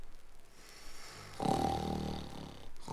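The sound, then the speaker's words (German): Loud, rumbling snoring from two people sleeping beside a treasure chest: a quiet breath, then a long, harsh snore swelling up and fading, with another beginning at the end. “Und 5 Minuten später dröhnt lautes Schnarchen zu Plim und der Bananenbande herüber.”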